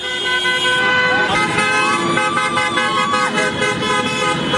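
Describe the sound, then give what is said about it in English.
Car horns honk repeatedly and overlap on the Champs-Élysées in Paris, as French fans celebrate France beating Morocco in a quarter-final, cars going up and down; sustained toots over steady traffic noise and a dense crowd-like background, loud throughout. “Yeah, on the Champs-Élysées, cars going up and down.”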